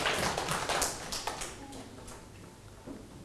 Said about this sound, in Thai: ถูกต้องปรบมือให้ตนเองอีกครั้งเก่งมาก